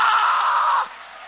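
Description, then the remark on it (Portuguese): An audience claps and cheers to God in a loud, dense roar of applause and shouting that holds steady for under a second, then drops off sharply to a faint murmur. “Aplaude a Deus então.”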